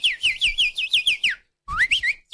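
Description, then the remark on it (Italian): A person whistles a quick, bright birdlike warble imitating a goldfinch's song, rapid rising-and-falling chirps in a steady run, a brief pause, then a few more twittering notes, clear. “Ma senti che è un uccellino? Guarda, è un cardellino. Sì, c'è un uccello in bocca, infatti.”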